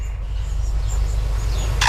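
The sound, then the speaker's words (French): A lyrebird in Australia imitates a camera shutter, giving a sharp mechanical click near the end, preceded by faint high whistles over a steady low outdoor rumble. “Donc, cet oiseau lire qui imite à la fois un appareil photo et ensuite une alarme de voiture”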